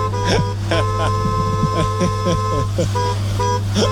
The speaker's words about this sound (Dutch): Is een witte Volkswagen-bussie. Timmy Toeter, die de camping wakker wil toeteren elke morgen. En dat doet hij met zijn muzikale klakson.